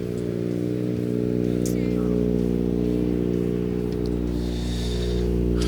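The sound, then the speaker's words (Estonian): A rally car engine idles at the finish of a special stage with a steady, even rumble, its low throbbing tone holding constant and loud throughout without any revving. “Auto tundub igati korras, tühikäik on ühtlane.”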